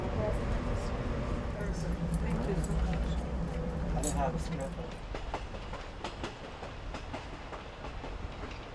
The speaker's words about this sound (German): Mit einer Höchstgeschwindigkeit von 65 Stundenkilometern fährt Chuck durch das riesige Naturschutzgebiet. Deshalb braucht der Zug auch mehr als 2 Stunden für die 100 Kilometer an den Grand Canyon.